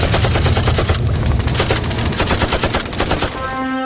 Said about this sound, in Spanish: Ellos nos van a disparar con todo el armamento que tienen. Y nosotros también.